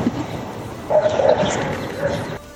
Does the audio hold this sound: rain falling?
no